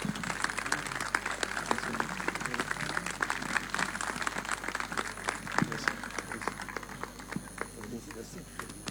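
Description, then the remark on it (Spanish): A sustained round of audience applause at a tribute honoring a priest, dense overlapping claps filling the whole stretch at a steady, fairly loud level, with faint crowd murmur and a voice mixed in underneath. “fuerte ese aplauso, muchísimas, muchísimas gracias.”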